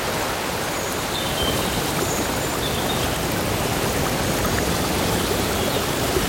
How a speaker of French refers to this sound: C'est une forme de placebo sonore que je vous propose, en commençant par cette très belle ambiance de rivière dans la forêt.